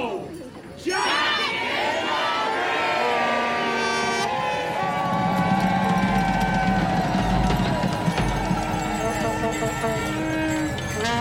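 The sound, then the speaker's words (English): A large crowd cheers and shouts, many voices overlapping into a loud, sustained roar that bursts in after a brief quieter opening and keeps going throughout, as green smoke from a flare envelops the crowd. “Green smoke from a flare escapes through the letterbox and envelops the crowd as the atmosphere intensifies.”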